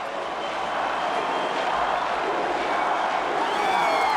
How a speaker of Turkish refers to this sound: Onları dinle. Halkımız ona tezahürat ediyor aptal. Duyar mısın?